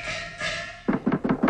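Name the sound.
knocking on a door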